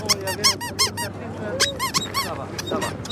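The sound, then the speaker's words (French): A squeaky dog chew toy shaped like a small cat, made for dogs to bite, squeezed repeatedly, giving a burst of quick high-pitched squeals, a pause, then another run of squeaks over a low steady hum. “Ah oui, c'est pour que les chiens, ils mordent dans ça.”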